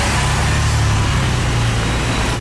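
A motorcycle engine roars loudly in an advert for Buller motorcycles, holding a steady throaty rev with a slight rise in pitch partway through before cutting off abruptly. No voices.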